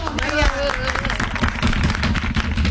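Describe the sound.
An audience claps steadily, with dense, loud applause running the whole time and a brief voice or cheer rising over it near the start.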